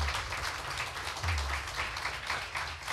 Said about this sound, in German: Er kommt aus dem Haider Umland. Ich möchte, dass sie ihn auch mit einem 10-Punkte-Applaus hier vorne willkommen heißt.